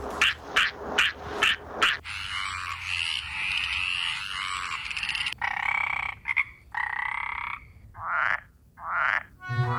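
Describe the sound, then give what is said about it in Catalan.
Frogs and toads croaking loudly around a wetland: a run of five sharp, rhythmic croaks, then a dense rattling chorus, followed by rising, bubbling calls near the end. No one speaks. “Granotes, gripaus...”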